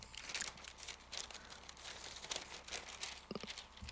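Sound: newspaper pages being turned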